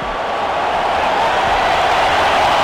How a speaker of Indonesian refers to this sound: Wow, penonton langsung bersorak ya. Mora ini memang wonderboy ya.